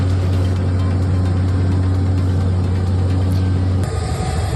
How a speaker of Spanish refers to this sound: Sonido de los helicópteros que sobrevuelan la zona en un dispositivo de evacuación inédito en el que están involucradas 23 nacionalidades.